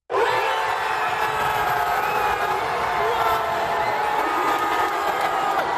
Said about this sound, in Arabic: بعد ضربات الجزاء والأشواط الإضافية وتسعين دقيقة من الوقت القانوني للمباراة، أطلقت الجماهير في منطقة المشجعين في ملعب الأمير مولاي الحسن في العاصمة الرباط العنان لأفراحها بعد انتصار أسود الأطلس على الطواحين الهولندية